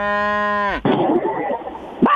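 A cow gives one loud moo, a steady droning tone that sags in pitch at the end, followed by a stretch of rough, noisy background sound.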